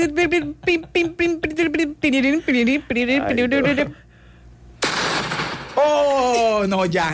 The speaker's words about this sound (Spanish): Ya, con explosión y todo. No, ya. Mi maquinita. Ay, no, se explotó.